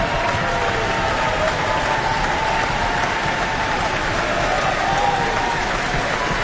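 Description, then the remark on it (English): A large audience in the Auckland Town Hall applauds, cheers and stamps for a soprano in the role of Cho-Cho-san, a dense, loud wash of clapping, cheers and foot stamping that holds at an even level from start to finish, with no single voice standing out. “Cheers and stamps can be heard throughout the Auckland Town Hall for …, soprano, in the role tonight of Cho-Cho-san.”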